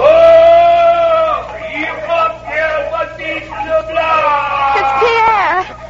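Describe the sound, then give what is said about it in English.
A sled dog team, belonging to a traveller heading back to Leaf River, howls and yelps together in long, wavering, high-pitched cries that overlap and rise and fall, loud and continuous for several seconds. “His dog team. He must be going back to Leaf River.”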